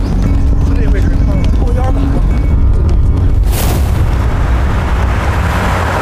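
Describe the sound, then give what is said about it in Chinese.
A mine explosion at a site ringed by hills, where dozens of people gathered in a large tent, killing 15 and injuring 21: a loud, continuous roaring rumble with a sharp, heavy blast bursting through midway, then a dense rushing din that carries on. Voices shout in Chinese to get away amid the chaos. “好像不是，出大事了，快走，走，快点，快走， 肯定是爆炸了， 快。”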